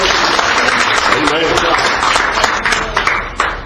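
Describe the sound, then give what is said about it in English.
An audience clapping their hands together in praise of God this morning, a dense, sustained wash of many hands applauding at once, fairly loud, with some voices mixed in beneath it. “let's give Him a good hand clap of praise this morning.”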